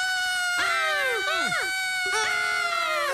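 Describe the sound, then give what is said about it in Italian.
Several voices scream together in loud, high-pitched, sustained bursts, their pitches sliding and dipping, with a brief break before a second round of shrieking. “Aspettate, ma perché stiamo urlando?”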